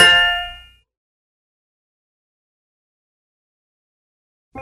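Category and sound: household object, bell ringing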